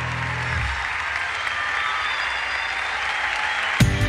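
Sustained audience applause, a dense, steady wash of clapping at even loudness throughout, with a brief louder burst near the end.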